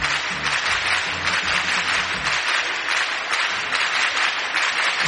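Steady, dense applause from a group of people, a continuous crackle of many hands clapping at even loudness for several seconds, with faint low voices underneath at the start.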